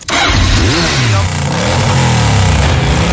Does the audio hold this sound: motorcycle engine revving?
yes